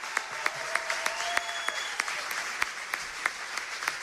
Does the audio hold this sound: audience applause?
yes